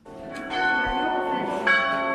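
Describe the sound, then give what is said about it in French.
Two church bells of the monastery tower at Lérins Abbey ring together, their overlapping tones sustained and rich with harmonics, a fresh strike swelling near the end; loud, with no voices present. “Les deux cloches sonnent et redonnent une dimension sonore et liturgique à la tour monastère.”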